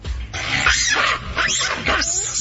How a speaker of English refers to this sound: have you guys ever heard a macaque? Mm-mm. Are we talking about macaw? No, macaques. It's a monkey. It's a monkey. Oh, no, I've not. Yeah, so the India Stadium has a monkey problem. Listen to what they sound like. They're kind of cute.